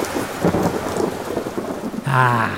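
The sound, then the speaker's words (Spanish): Steady rainfall hisses over a deep rolling rumble of thunder in Guadalajara, Jalisco, in September, with a brief tonal hum rising near the end. “No creo que esté lloviendo otra vez.”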